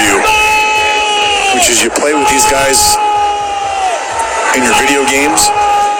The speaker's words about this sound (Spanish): Se puso como loco gritando el gol,